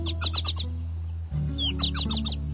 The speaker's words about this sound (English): I notice how it flies in a bouncing pattern, rising high and dipping low like a roller coaster as it calls. I wonder if this bright yellow bird might be calling to its mate to suggest they stop by my patio bird bath.